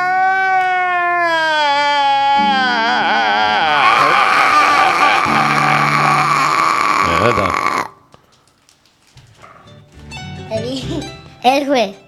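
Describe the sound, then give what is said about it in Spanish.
A child wails loudly and continuously, the sobbing cry rising and wavering for several seconds before breaking off into quieter sniffles and short vocal bursts near the end. “Sí, está llorando para que se calme, porque no sé.”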